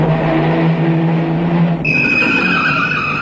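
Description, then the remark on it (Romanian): A loud car engine roars, then tires break into a sharp, sustained high-pitched squeal as the car tears away to run over an assassin, with no voices. “Atunci țâșni Romeo cu mașina și îl calcă pe asasin în 3 minute.”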